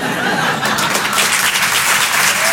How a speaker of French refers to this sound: On peut l'applaudir très très fort également.